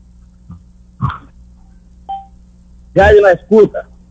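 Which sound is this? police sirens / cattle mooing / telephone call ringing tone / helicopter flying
telephone call ringing tone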